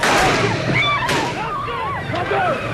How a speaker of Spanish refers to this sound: Ese era el momento del tiroteo en la misma plaza de San Pedro mientras saludaba a los fieles.